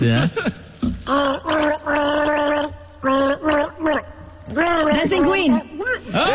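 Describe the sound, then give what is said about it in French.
Someone gargles a mouthful of Tréma while vocalizing a song's tune, producing a bubbly, warbling melody in several sustained phrases with brief pauses, fairly loud. “je gargarise mon hit”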